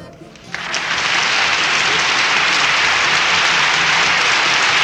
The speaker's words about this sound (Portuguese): Mais palmas, mais palmas.